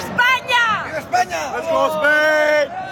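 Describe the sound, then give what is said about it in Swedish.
A crowd of Spanish supporters cheers and shouts excitedly and loudly after Spain won the football World Cup final near New York, with overlapping yells and whoops rising and falling continuously for a few seconds. “Spansk glädje efter guldet.”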